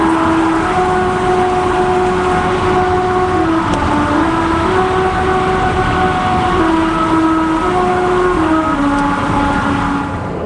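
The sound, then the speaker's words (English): A car's tires pass over grooves cut into a singing road on Route 66 in the United States. They hum a slow, simple melody, the droning notes stepping up and down in pitch above a steady, loud road rumble that lasts throughout. “The song is made by car tires passing over grooves cut into the road.”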